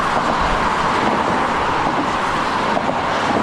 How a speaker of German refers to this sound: Mehr als 100.000 Autos sind bisher pro Tag über die Bonner Nordbrücke gefahren. Sie ist eine der wichtigsten Ost-West-Verbindungen im Rheinland.